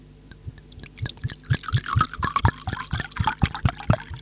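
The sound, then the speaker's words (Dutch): A drink pours steadily into a glass, with a quick, uneven run of glugging gurgles whose pitch rises as the glass fills, moderately loud with no talking. “Lijf ingeschonken, mensen.”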